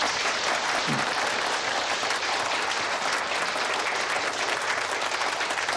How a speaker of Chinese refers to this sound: 今天呢亲临我们天马山村开这个现场会啊，接下来呢请马书记发言，大家掌声欢迎。